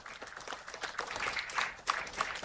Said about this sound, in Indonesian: Acem Akwai Bimnokwar, kami ucapkan selamat datang Wakil Presiden Republik Indonesia Bapak Gibran Raka Buming pada upacara pembukaan Besparawi Nasional 14 tahun 2026 di Manokwari. Tepuk tangan lagi sekali.